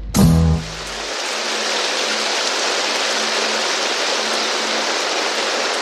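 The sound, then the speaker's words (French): Steady rain pours down at studio Boucan in Mauritius in a dense, continuous hiss that stays even for several seconds, opening with a brief low, resonant burst before the downpour settles in. No one speaks. “La pluie s'est mise à tomber ici au studio Boucan.”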